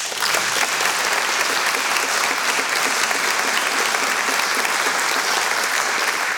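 Sustained applause from a sizable audience honoring the directors who worked with Miroslav Hlosta over the decades, a steady, dense patter of clapping hands that continues without a break for several seconds, with no voices standing out.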